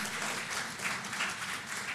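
A crowd at a sermon applauds steadily, giving a loud round of applause to God, a dense wash of many hands clapping at once with no gaps, consistently loud throughout.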